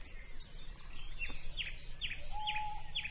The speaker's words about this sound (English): I do know that's an owl.